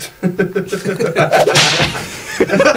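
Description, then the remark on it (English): A single sharp whip crack sound effect, played on air during a radio show, snaps loudly and bright right after a stretch of chuckling voices, with people talking again just after it. “Why do we have a whip sound effect on the radio?”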